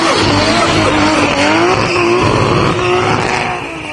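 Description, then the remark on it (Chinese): A modified car performs a dynamic drift show at Jilin Province's first car culture exhibition, with continuous loud tire squeal and a roaring, revving engine, the screech wavering in pitch before easing off at the end; no one speaks. “当天上午，记者在活动现场看到改装车静态展演、汽车文化市集、RC 夜空车竞速赛、改装车动态漂移表演同步呈现。”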